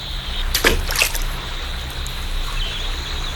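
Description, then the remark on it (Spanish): River water splashes around a launch moving quickly downriver, with two quick sloshing bursts early on over a steady, hissing wash of flowing water that continues to the end. “La lancha a la que se subió Gerda se movió rápidamente río abajo.”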